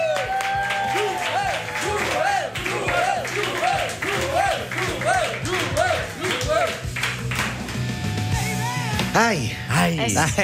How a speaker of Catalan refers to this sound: Rebem amb un fort aplaudiment a Joel Díaz.